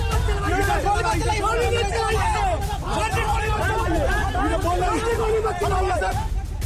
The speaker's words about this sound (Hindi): जबरदस्त हंगामा बरपा है। पत्थरबाजी हो रही है। पुलिस लोगों को तितर बितर कर रही है और पीछे से चीख पुकार मची है कि पुलिस वाले गोली ना चलाएं।